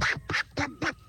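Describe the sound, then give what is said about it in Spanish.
A person imitates Donald Duck's voice, producing four raspy, buzzy quacking bursts in a quick, even rhythm, fairly loud, with short gaps between them. “Ahí está el pato Donan.”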